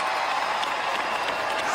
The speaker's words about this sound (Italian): Senti, ti facciamo ascoltare, lo facciamo ascoltare agli altri amici che ci stanno ascoltando, il momento in cui sono diventati effettivamente, secondo questo spettacolo, marito e moglie, sentite. Applausi.